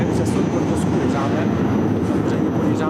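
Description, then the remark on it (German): Loud, steady industrial rumble fills a tram factory hall as an overhead crane carries a tram chassis, a dense low drone with a hiss of machinery running continuously, without pauses. “An einem Kran schwebt ein Fahrgestell, das am anderen Ende der Halle unter die Karosserie einer Straßenbahn geschraubt werden soll.”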